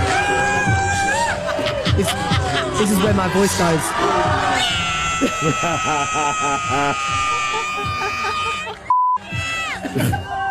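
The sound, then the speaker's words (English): A loud, excited crowd cheers and shouts continuously as a man dances shirtless on stage, with voices yelling over the din and a brief electronic beep cutting in near the end. “The crowd was going nuts for it.”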